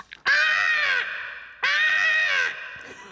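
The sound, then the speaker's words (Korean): A voice imitates a crow with two loud, harsh, drawn-out caws, each lasting close to a second with a short pause between them, without other talk. “녀석은 까마귀였어요.”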